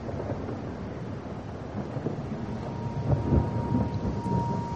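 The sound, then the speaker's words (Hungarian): Steady rain hisses over a deep, rolling rumble of thunder during a storm in the dark with lightning, the thunder swelling louder about two-thirds through, with no voices present. “Darjeeling annyit tesz tibetiül. Mennydörgés háza. Csöpög a szemöldökömről a szemhéjamra az esővíz.”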